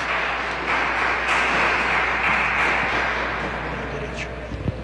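At a baptism ceremony, a crowd applauds the father steadily for about five seconds, a dense, even wash of many hands clapping at once that stays loud throughout and eases off slightly toward the end.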